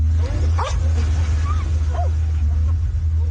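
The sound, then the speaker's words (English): A few short, high yips and barks from rescue dogs searching a mud-caked pile of rock and debris after flash flooding in the region near Tibet's border with Nepal, spaced irregularly over a steady low rumble of engine or machinery noise. “Rescue dogs search a mud-caked pile of rock and debris, but the hope of finding survivors is fading.”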